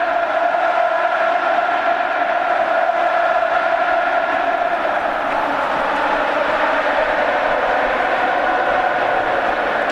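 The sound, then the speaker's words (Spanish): A large football stadium crowd roars and cheers continuously, a dense, loud wash of voices and applause sustained throughout with no pauses, as emotional fans in the stands applaud. “Joaquín que está en la grada aplaudiendo, muy emocionado, así suena.”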